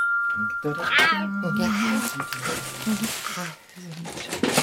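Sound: tomcat meowing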